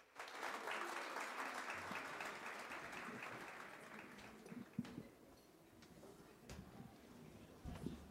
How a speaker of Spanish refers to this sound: vamos a presentar nuevamente a la Saya Tambor Mayor, pero esta vez nos van a presentar la Semba, que es una danza de la fertilidad. Espero que les guste y recibámoslos con un caluroso aplauso.